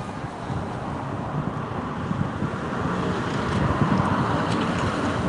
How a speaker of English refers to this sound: We hear cars going past on the street, the wind blowing. Beautiful sunny day, 67 degrees Fahrenheit here.